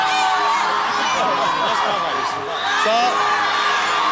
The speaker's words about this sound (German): Wo immer … auftaucht, herrscht eine regelrechte Fanhysterie. Die Leute schreien sich einfach die Seele aus dem Leib.